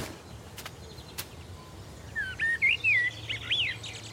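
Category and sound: bird, songbirds singing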